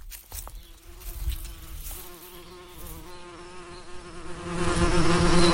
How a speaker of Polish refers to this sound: Dziadku, przyleciały pszczoły.